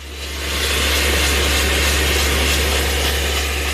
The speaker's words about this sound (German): Spezialisten von einer externen Baufirma seilen sich dafür von der Terrasse in die Wand ab. Ein Mann setzt der Bohrer an einem genau definierten Punkt an. Sein Kollege oben steuert die hydraulische Bohrmaschine.